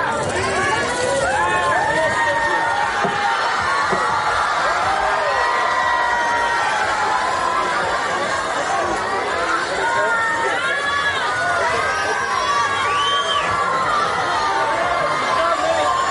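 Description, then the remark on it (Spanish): A dense crowd of waiting fans screams and shouts in a continuous frenzy, high-pitched shrieks and excited cries layered over loud babble, rising and swelling without pause, as the awaited man steps out of his car. “Y bueno, es que según salió del coche, pues se desató la histeria, mira.”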